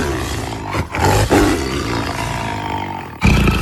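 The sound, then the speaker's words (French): A loud, deep, rumbling roar like a lion's, held for several seconds with two brief breaks before surging again, without any voices. “Alors, je dirais que ça ressemble quand même vachement à un lion.”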